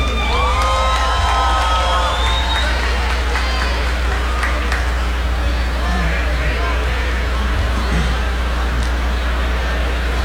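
A loud, steady roar of an audience at a show applauding and cheering for the percussionist, with shrill whistles and whoops rising over the crowd in the first few seconds and the clapping and shouting continuing throughout.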